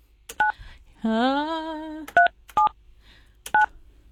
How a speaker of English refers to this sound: All right. Here we go. We're dialing the phone number. Live radio.